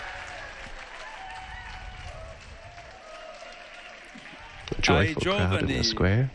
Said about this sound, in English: Joyful crowd in the square